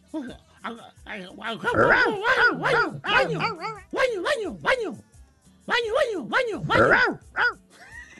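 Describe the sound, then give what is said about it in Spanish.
A person mimics a dog with a rapid string of yelping, whiny barks in two or three bursts separated by short pauses, fairly loud, with no real dog present. “¿Qué ustedes se creen que el perro va a decir?”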